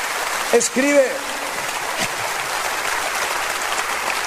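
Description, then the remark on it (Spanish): An audience applauds in a steady, dense wash of clapping that holds for several seconds, with a brief voice calling out over it near the start. “Si va a aplaudir, hágalo con todas sus fuerzas.”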